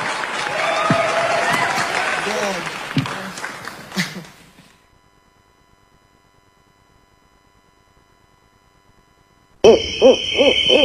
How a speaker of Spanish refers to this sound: Muchas gracias a la gente, muchas gracias. ¡Fuerte el aplauso,